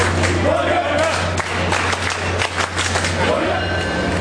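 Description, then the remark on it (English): A dense crowd of fans shouts, cheers and chants with scattered claps as they board a train at South Station bound for Foxborough when the doors open, loud, over a steady low rumble and hum of the train. “When the train doors open, the crowd cheers and chants as they hop on.”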